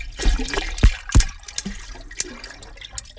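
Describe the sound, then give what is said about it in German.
A recorded shark sound: a few sharp, low thumps and clicks, two stronger ones close together, over a steady background of moving, trickling water, with no voices. “Also man hat ja im Hintergrund noch das Wasser gehört.”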